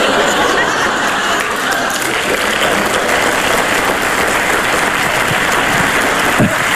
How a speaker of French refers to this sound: Je vois beaucoup de femmes qui applaudissent, etc.